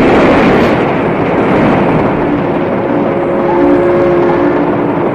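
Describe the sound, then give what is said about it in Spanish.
Several motorboat engines roar steadily and loudly throughout as the boats head from the docks toward a sinking ship to search for victims, a dense rumbling wash of noise with a faint droning hum rising underneath partway through; no voices. “Desde los muelles, varias lanchas de motor se dirigen al lugar del siniestro en busca de víctimas.”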